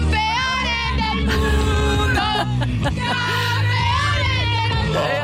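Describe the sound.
Fans in Madrid welcoming Spain's world champions shriek and cheer over pounding music, high excited voices whooping continuously above a steady beat, the whole scene loud and unbroken for several seconds.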